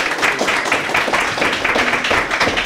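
A crowd applauds steadily as a speaker is called up to the microphone, many hands clapping at once in a dense, even patter that holds at a fairly loud level for a few seconds.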